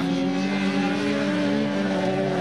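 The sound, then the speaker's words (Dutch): Loud, steady engine roar from about seven ordinary-looking cars racing laps through a muddy meadow, mud on their headlights, with strong harmonic revving that rises and shifts as they circle; no talking, just continuous motor noise filling the scene. “Ja, rondjes rijden. En echt met modder op de koplampen hier door dat weiland scheuren.”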